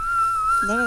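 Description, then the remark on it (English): A thin, piercing high note sung in the whistle register holds steady for under a second, and a lower voice briefly speaks over it near the end. “All right, everyone hit their whistle note.”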